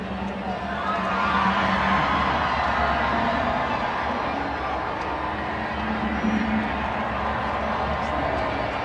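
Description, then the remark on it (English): A large stadium crowd at America First Field, at a Utah Royals match, roars and cheers while doing a wave with play stopped, in a steady, dense wash of sound, swelling slightly early on and holding loud throughout, with scattered whoops and shouts rising from the mass. “Stadium goes into a wave with the play stopped.”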